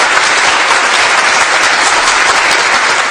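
Sustained, dense applause from an audience, many hands clapping steadily and loudly throughout with no pauses or talking.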